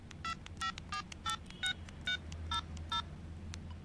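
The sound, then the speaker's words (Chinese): Telephone keypad tones beep as a nurse dials an elderly patient's phone, a quick, even sequence of about nine short dual-pitched presses, clear, over a low steady background hum with no one talking. “啊，咁麻烦你啊，姑娘，你帮我打电话俾佢。”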